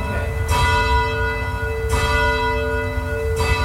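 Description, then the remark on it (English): A church bell, chimed by pulling its rope, sounds three times at a slow, steady interval, each strike ringing out with a bright metallic attack and long humming overtones that sustain between strokes, loud. “And what I want you to do is to chime it.”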